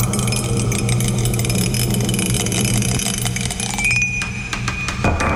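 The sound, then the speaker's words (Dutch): A rolled game die rattles and clatters in a run of quick, irregular clinks before falling off the object it was rolled on, landing on number 2, all over a steady low engine-like hum. “Hij is namelijk weer van dat ding afgevallen.”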